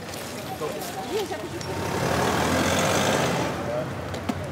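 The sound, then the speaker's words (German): Steady traffic noise outside a primary school in Leipzig, Germany, swells as a car rumbles past, with faint voices and street bustle underneath and a brief sharp click near the end. “Weil hier permanent Autos langfahren und selbst als erwachsene Person fällt es mir schwer, hier einen Überblick zu behalten.”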